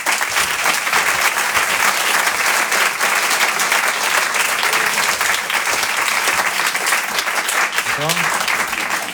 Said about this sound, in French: Le Rire et Chanson Comedy Club. Et je vous demande de l'applaudir très fort, il s'appelle Jérémy Crédeville.